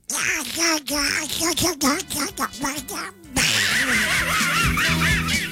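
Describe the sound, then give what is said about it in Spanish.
A voice imitates Donald Duck, squawky and quacking, chattering in rapid nasal bursts with brief pauses, then a continuous stretch of the same garbled duck-voice talking, loud. “¿me pueden mandar un mugre chiquillo con la voz de Pato Donald?”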